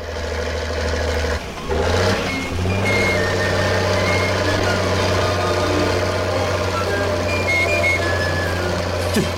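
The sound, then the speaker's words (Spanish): A car engine runs steadily with a deep, continuous rumble as it is driven by someone who had never driven before, on the way from Matagalpa to El Galope, while faint high-pitched beeps and tones chirp intermittently over it. No one speaks. “en su vida había manejado un carro.”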